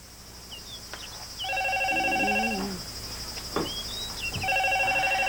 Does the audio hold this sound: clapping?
no